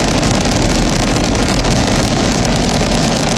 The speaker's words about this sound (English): 1, ignition, and liftoff. Go Falcon, go Dragon, and go Crew 13. Carried by Dragon Brace to the International Space Station. Copy, 1 Alpha. All 9 Merlin engines on the first stage at maximum thrust of 1.7 million pounds.